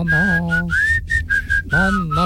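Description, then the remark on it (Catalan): A person, asked to whistle a song, whistles a tune in a string of short, bright phrases, the pitch gliding up and down, with a low hum or background sound running underneath. “li heu demanat que xiulés una cançó i ha quedat patètic.”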